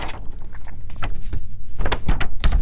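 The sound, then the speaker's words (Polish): Paper pages rustle and flip as someone searches for a date, in a run of irregular, crackly bursts, some sharper and louder than others, with no voices over them. “Szeleszczą kartki”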